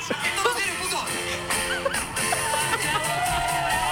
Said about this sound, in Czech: Ale slyšíš ten aplaus? Jako ty lidi šíleli, já jsem byla u toho, opravdu šíleli. Karaoke stage na Colors of Ostrava.